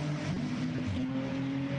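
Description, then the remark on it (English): The engine of the number 11 Schnitzel race car, the Philip Ellis-driven car, runs at a steady, moderate rev as it is brought back out from where it was parked behind the bar; its droning hum holds several even tones that shift slightly in pitch. No talking. “Schnitzel number 11 car back out.”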